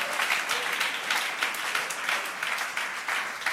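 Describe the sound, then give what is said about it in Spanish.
A Pentecostal church audience breaks into sustained applause, many hands clapping in a dense, steady wash with slight surges in volume throughout, no voices standing out. “Este nombre merece un aplauso pentecostal, porque no solamente hemos conocido a cualquiera, sino al que es verdadero.”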